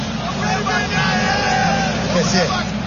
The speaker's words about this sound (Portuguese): Aí a torcida do Internacional, faceira com resultado parcial aqui na arena, fazendo festa. Olha a torcida do Inter. Som da massa colorada.